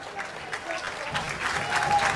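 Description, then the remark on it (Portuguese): A large stadium crowd at a football match between Nacional da Madeira and Santa Clara claps steadily as the player Vinícius passes in front of the stand, a dense wash of applause that swells slightly louder toward the end, with faint crowd murmur mixed in. “Vinícius é agora aplaudido porque passa aqui à frente da bancada.”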